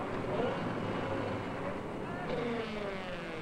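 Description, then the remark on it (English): The engine of a piece of equipment runs steadily throughout, a continuous rumbling drone with constant loudness and no pauses, and faint muffled voices mixed in beneath it. “You don't work on equipment when the engine's running.”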